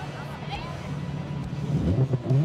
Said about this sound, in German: Und unsere Erfindung? Ist ein super cooles Elektromotorrad, das einzige mit einem aktiven Soundsystem und einer richtig starken Beschleunigung.